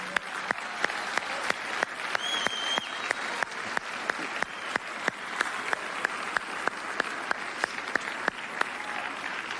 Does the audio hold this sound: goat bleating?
no